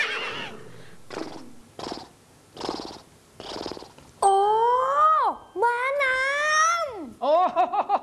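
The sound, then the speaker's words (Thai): A horse gives a few breathy, rhythmic snorts, then lets out three loud neighs, each shrill whinny quavering and sliding downward in pitch. “สัตว์น้ำปลา เป็นปลาใช่ครับมันตั้งชื่อตามสัตว์บกชนิดนึงซึ่งร้องแบบนี้”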